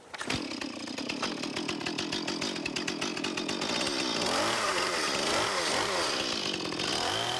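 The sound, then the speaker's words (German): A chainsaw roars steady for several seconds, its engine pitch rising and dipping as it cuts through tree branches. No one speaks. “Lorenz hat Erfahrung im Umgang mit der Kettensäge.”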